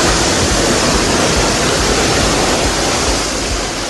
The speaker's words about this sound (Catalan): I és que eixa pluja caia amb moltíssima força.